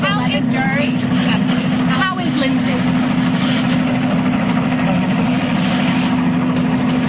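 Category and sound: vehicle, news helicopter flying overhead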